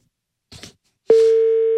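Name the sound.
phone call dialing tone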